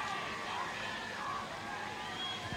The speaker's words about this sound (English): Tigers fans cheering the fact that a tackle was made. Well, I think they thought Everly got the ball.